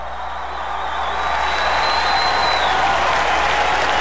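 A crowd claps steadily in thanks to God, the dense applause swelling a little after the first second and then holding loud and even, with no voices standing out above it.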